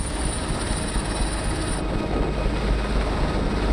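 A helicopter hovers at a mountain construction site while a ground worker attaches an office container to it, its rotor and engine producing a loud, steady roar with heavy low rumble and a faint high whine that drops away partway through. No one speaks.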